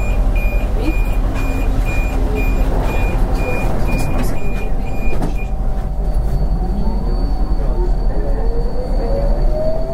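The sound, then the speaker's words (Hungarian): At 11:30 at night in a station of metro line 4, a rapid series of high electronic warning beeps repeats for about five seconds over loud station rumble, then stops as the last train toward Kelenföld railway station pulls away with a rising motor whine and rolling rumble. “A beérkezett vonat az utolsó vonat Kelenföld vasútállomás felé. A vonat beszállás után azonnal indul.”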